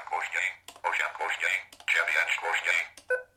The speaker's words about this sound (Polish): O. Tu już jest koniec, dlatego mamy taki sygnał dźwiękowy.